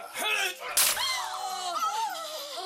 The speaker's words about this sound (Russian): Генерал Караска швыряет бутылку, которая долетает до стены, ударяется о камень, на шаг впереди Суок разбивается, попадая осколком в глаз Суок, тотчас же зажмурившийся и инстинктивно поднявший глазам руки.